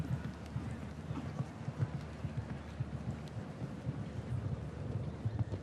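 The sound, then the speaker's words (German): Rhythmic, thudding hoofbeats of a horse cantering as its rider keeps it straight on the approach to a sequence of jumps, a steady low drumming that continues throughout against a rumbling, windy background. “Hat sein Pferd aber trotzdem noch exzellent gerade gestellt bekommen beim Anritt auf diese Sprungfolge.”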